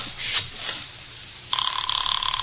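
After a moment of quiet background noise, a telephone bursts into a loud, rapid trilling ring that continues steadily to the end, with no one speaking.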